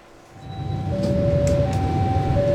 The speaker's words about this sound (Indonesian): Nah, ini bertepatan juga dengan kereta api lewat ya. Jadi bisa dibayangkan kondisinya semakin padat di lokasi.